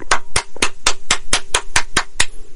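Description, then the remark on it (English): One person claps hands in applause for the writer of an Old Spice ad script, about nine sharp, crisp claps at a steady, fairly quick pace, loud and alone with no talking. “I'm going to pause now for a moment to applaud the writer of that ad.”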